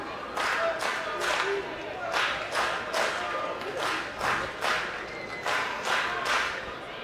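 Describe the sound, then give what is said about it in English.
A lighter-than-usual crowd at a night baseball game, after a rain delay, claps in a steady, rhythmic pattern with cheering mixed in, a dense wash of noise filling the whole stretch. “Well, it's a lighter crowd tonight after that rain delay, but it's still a very active crowd.”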